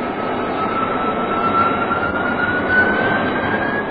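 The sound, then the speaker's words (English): The jet engine of an F-92K aircraft in flight roars steadily and loudly during turns, a thin high whine gliding slowly upward in pitch above the broad rushing noise, with no voices. “The F-92K turned nice and tightly with the aid of her flying tail.”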